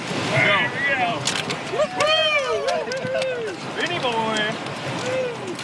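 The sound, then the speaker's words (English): Several people shout and call out excitedly over a steady rush of river water as crews paddle through the last of the rapids after lunch, the voices overlapping throughout. “After lunch, the crews paddled through the last of the rapids.”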